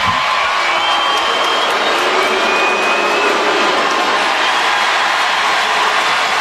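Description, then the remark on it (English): A dense, loud roar of an ice hockey arena crowd cheering continuously after a fight between Lilleberg and Desharnais in the second period, with a broad wash of voices and whistles sustained throughout and no individual speech standing out. “And then he urged on the crowd after they were separated.”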